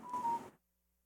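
A brief electronic telephone tone, a steady beep of about a quarter second over a hissy, crackling line, cuts off abruptly into silence.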